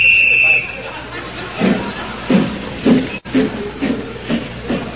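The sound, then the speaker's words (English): A steam locomotive climbing slowly up the side of Snowdon mountain hisses steadily, then settles into slow, regular chuffs roughly every half second, each puff a soft breathy burst, with a thin high whistle-like tone fading early on. “And so, as the train chugs slowly up the side of the mountain, we find in the engine the driver and fireman hard at work.”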